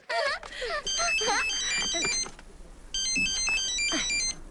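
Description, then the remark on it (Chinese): A phone rings with a bright electronic ringtone melody in two bursts separated by a short pause. It is loud, and voices talk over the start of the first ring. The call is from a station director about an emergency at Wangjiaba. “这个时候的电话准没好事儿。”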